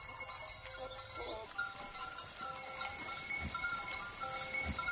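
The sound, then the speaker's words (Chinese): Several black goats bleat on and off, with faint bells clinking and a steady outdoor barnyard murmur underneath, in Xianjing Village, Zizhao Town, Liangping District, Chongqing, China, where black goats have been raised for over a hundred years. No one speaks. “这为发展养殖业创造了得天独厚的自然环境，使得仙境村养殖黑山羊已有上百年的历史。”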